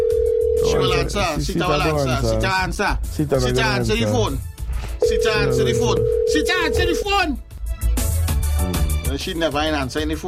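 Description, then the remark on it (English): A telephone rings in steady electronic tones, one short burst at the start and a longer one midway, while several people talk loudly over and around it. “She will answer. Sit down the phone.”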